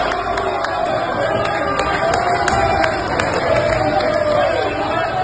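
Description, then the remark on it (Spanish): A dense, steady roar of a large crowd of football fans in Veracruz watching Mexico play South Africa in the second half, voices cheering and chattering together at a constant loud level, with scattered sharp clicks and claps as Mexico nears South Africa's goal. “Llegó el segundo tiempo, la gente estaba entonada, aplaudía y se emocionaba cuando los mexicanos se acercaban a la portería de Sudáfrica.”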